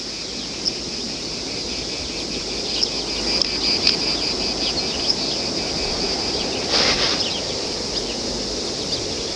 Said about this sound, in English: This lack of speech in the face of the cicada's sound is something which, according to the myth told by Socrates, would cast a spell on the gunman.